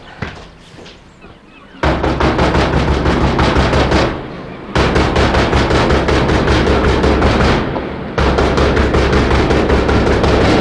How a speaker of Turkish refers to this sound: Çılgınca vurulan kapı, bizim kapımız.